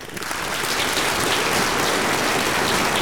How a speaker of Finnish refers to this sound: Mä annan sulle aplodit.